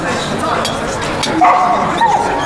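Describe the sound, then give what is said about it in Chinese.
A dog named Si'er barks a few short times during a troupe meeting, then lets out thin, wavering whimpers, with background chatter throughout. “把一个烂怂狗弄出去。”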